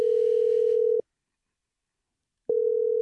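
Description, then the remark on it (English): An outgoing phone call's ringing tone as a radio station calls a listener: a steady electronic hum lasts about a second, falls silent for a moment, then starts again. Clear, with no voices. “Let's see if he picks up his phone.”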